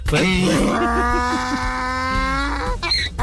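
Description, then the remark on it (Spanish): A person imitates a donkey's bray as a requested greeting for a listener: a loud, strained, groaning voice that heaves up and down for about three seconds, with a brief breathy catch near the end. “Rebuznadita de burro para mi querido Freddy”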